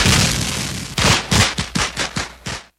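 A dense crackle of fireworks bursts, starting with a continuous rumbling barrage and then a rapid series of about seven sharp, loud pops before cutting off. No voices.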